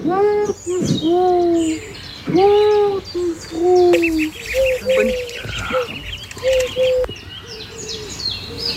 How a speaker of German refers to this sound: Sie ruft, die Taube ruft.